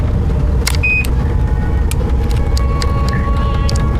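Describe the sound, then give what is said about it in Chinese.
A small car drives along steadily, its engine and road noise a constant low rumble from inside the cabin, with a few brief squeaks and rattles over the top and no one talking. “咱这小车稳当得很，是吧？”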